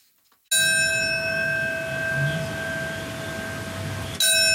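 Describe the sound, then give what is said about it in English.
A memorial bell tolls once on the 9/11 anniversary, marking the moments of the attacks, loud and resonant, its ringing tone hanging in the air for several seconds before a second strike lands right at the end. No voices. “On September 11th, for the 25th year, bells will mark by the minute the moments that changed the world forever.”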